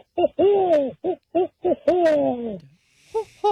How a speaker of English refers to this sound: The sound that a barred owl it makes.